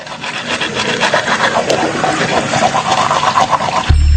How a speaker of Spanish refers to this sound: Si dejas el grifo abierto mientras te cepillas o te lavas la cara, desperdicias más de 10 litros de agua.